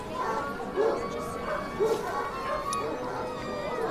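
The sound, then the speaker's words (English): A dog being examined by a vet gives three short barks spaced about a second apart, with whining whimpers in between, over a steady background murmur of indistinct voices. “I know you need to be careful, veterinary, but there's nothing wrong with a dog.”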